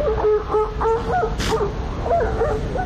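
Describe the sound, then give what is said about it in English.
A series of harsh, nasal barking calls from an adult female elephant seal, repeated in quick bursts with short pauses, loud over a rumbling background with a brief hiss midway. “Adult female elephant seals make a number of different sounds.”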